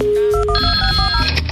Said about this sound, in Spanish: En este momento le estamos marcando